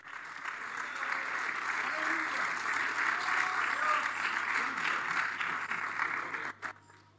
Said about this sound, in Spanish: Dele palmas de alabanza al Señor.